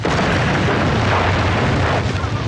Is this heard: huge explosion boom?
yes